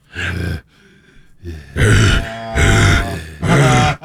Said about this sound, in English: I grunt when I pee.